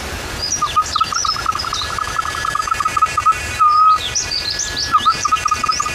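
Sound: imitated bird call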